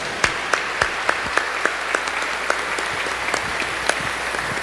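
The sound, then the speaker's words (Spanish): A crowd applauds steadily for the Virgin of El Quinche, a dense wash of clapping with sharper claps landing on an even, rhythmic beat roughly three times a second. No one speaks. “Un fuerte aplauso para nuestra Madre.”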